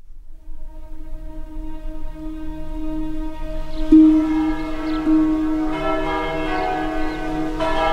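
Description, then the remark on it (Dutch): Church bells peal continuously from a distance, several overlapping tones humming and ringing with fresh strikes every second or so, their resonant sound hanging in the air with no voices present. “Klokken luiden in de verte.”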